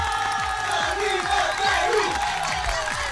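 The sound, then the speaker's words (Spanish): A loud crowd cheers and claps continuously for a birthday, voices whooping over dense applause that fills the whole moment with no pause. “un aplauso.”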